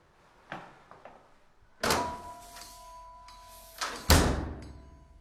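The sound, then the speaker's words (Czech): A heavy door into a forgotten temple is opened with a few clunks and a loud creaking scrape, followed by a strong thud as it swings fully open, with a faint ringing tone lingering between the impacts. “Tak jdeme dovnitř? Ano, otevři dveře.”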